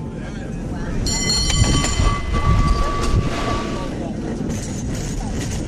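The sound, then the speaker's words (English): A cable car rolls along its rails with a steady rumble, and a high metallic wheel squeal rings out for a few seconds in the middle before the clatter carries on. “He insisted we go ahead with the cable car ride, that Mom would want us to do that, and that he'd take care of her.”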